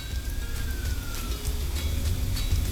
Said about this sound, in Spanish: Escucho una sirena ahí de fondo.